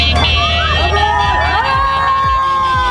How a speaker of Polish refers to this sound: Jego trasa wiodła m.in. przez województwo łódzkie. W Bełchatowie powitały go tłumy.